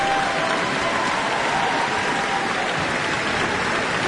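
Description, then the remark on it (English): Dense, continuous applause and cheers from a large concert audience, a steady roar of many hands clapping at once with no pauses and no talking, calling back 18-year-old Singaporean violinist Chloe Chua after her New Zealand debut performing the Tchaikovsky Violin Concerto. “And you can hear some more cheers.”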